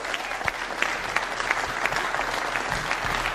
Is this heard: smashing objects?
no